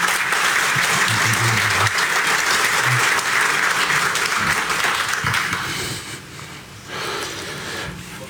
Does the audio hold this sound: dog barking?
no